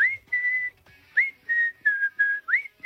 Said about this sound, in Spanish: Esta la he silbado yo desde que salió en el año 91.